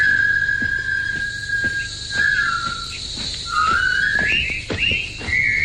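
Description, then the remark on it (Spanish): A bright whistled military march, composed in 1914, carries over a steady bed of chirping insects, the tune rising and falling in short phrases as if whistled outdoors, with no one speaking; prisoners of the Japanese army whistle it entering a labour camp in David Lean's 1957 film about the bridge on the River Kwai. “No tienen armas ni libertad, pero con un silbido gritan su dignidad.”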